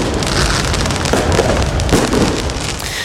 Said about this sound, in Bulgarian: Кулминацията сега са фойерверките пред Айфеловата кула. Красив завършек на нощта, но не и на празненствата, които тепърва започват.